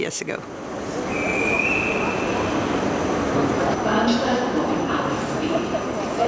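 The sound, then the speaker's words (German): Busy railway station ambience in Vienna, Austria, with a train rumbling steadily, a brief high metallic squeal, and a murmur of indistinct voices mixed into the constant loud, dense background. “Und wieder stehe ich in Wien am Bahnhof.”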